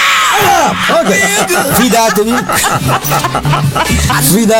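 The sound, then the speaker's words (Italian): A song blares through a small Bluetooth speaker, started after silence, a shrill screaming voice cutting through the loud, slightly distorted music for several seconds without pause. “Fidatevi, quell'urlo farà veramente.”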